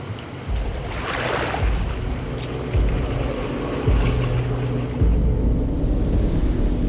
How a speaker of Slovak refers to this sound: Už sme takmer v polovici rieky. Tu je prúd najtlčší. Dávajte pozor na skaly pod hladinou.